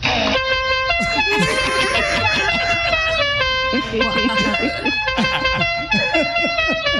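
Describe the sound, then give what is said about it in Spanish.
A loud, brassy horn, presented as a horn for a wheelchair, blares a sequence of sustained, stepping tones like a melody horn, sounding continuously for several seconds while voices talk over it. “No, señora, mire, le vamos a poner también claxon a la silla de ruedas, señora. ¿Qué le parece este claxon?”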